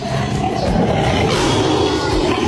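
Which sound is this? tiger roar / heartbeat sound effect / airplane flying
tiger roar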